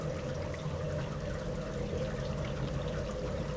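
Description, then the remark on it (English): Heavy rain pours steadily in Põlgaste, southeast Estonia, in June, a dense unbroken hiss with a low, droning rumble underneath, holding at an even level throughout with no voices. “It's raining pretty hard here in Põlgaste, southeast Estonia.”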